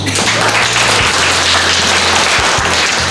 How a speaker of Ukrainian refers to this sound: Роль РЕБа виконує аудиторія. Студенти гучно аплодують і таким чином заглушають команди пілота своєму дрону.